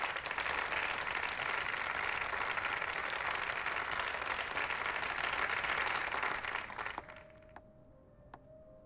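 Dense, sustained applause from a crowd welcoming the head of Youmei SPA, a steady roar of many hands clapping for about seven seconds, then cutting off abruptly into near silence with a faint lingering tone.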